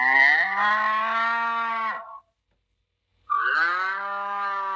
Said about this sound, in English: Cow. This is a cow. Cow. What does a cow say?